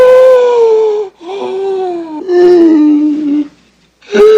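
Noisy, wheezing breaths of a man whose back and neck are being rubbed: three long whistling, whiny tones in a row, each sliding slightly downward, then a short pause and another wheeze starting. No one speaks.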